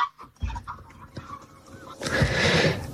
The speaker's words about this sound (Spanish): El cielo se llena de cientos de bandos en forma de V, que al sumarse al trompeteo emitido por otros cientos de grullas, forman un griterío ensordecedor.